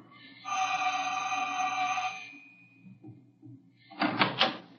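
A janitor's door creaks open with a long, steady, high squeal of the hinge lasting about two seconds, then after a short pause comes a brief burst of loud rattling thumps.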